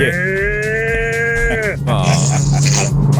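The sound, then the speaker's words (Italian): A big cow moos loudly, one long steady low call, then breaks into a rougher, raspier lowing that carries on to the end. “Questa è una mucca grande.”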